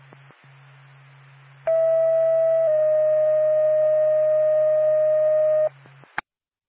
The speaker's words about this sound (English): Norfolk, Lancaster ambulance, stand by for a tone.